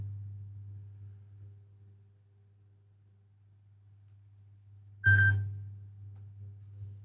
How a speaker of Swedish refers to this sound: Det ringer. Hör, vem kan det vara? Ja, hallå?